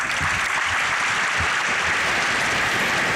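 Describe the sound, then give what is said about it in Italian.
Sustained applause from a large audience, a dense steady wash of many hands clapping at full volume throughout, with faint voices mixed in underneath, closing a dialogue between Pope Leo XIV and young people who had asked him questions. “Si conclude con questo grosso, grande applauso, questo spazio di dialogo fra Papa Leone XIV e i giovani che gli hanno rivolto delle domande,”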